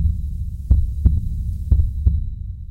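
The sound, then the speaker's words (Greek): A heartbeat sound effect in a station jingle for radio station AFM 104.7 of Rethymno: a deep, thumping heartbeat repeats in lub-dub pairs, two double beats with a short pause between, over a steady low hum and a faint high whine, with no talking. “Εδώ χτυπάει η καρδιά του Ρεθύμνου.”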